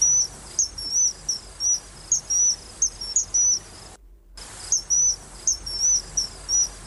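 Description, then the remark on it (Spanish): A common kingfisher calls repeatedly, a rhythmic series of about a dozen sharp, high-pitched piping whistles over a steady outdoor hiss, with one brief pause midway. “Claro, para verlas o para escucharlas, como por ejemplo a este Martín Pescador.”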